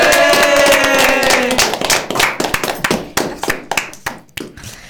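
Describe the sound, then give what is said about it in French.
A group of people applauds at the end of a game, dense clapping at first over a fading tonal sound, then thinning out into scattered, slower individual claps as the applause dies down. “Allez, on applaudit.”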